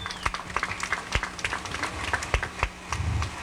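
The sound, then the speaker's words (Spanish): An audience applauds steadily at a ribbon-cutting ceremony, dense overlapping claps with a few sharper, louder hand claps standing out, continuous for a few seconds with no one talking. “Fuerte los aplausos.”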